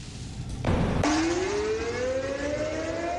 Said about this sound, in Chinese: 10点，防空警报示鸣在全省各地同步进行，提醒人们居安思危，勿忘国耻。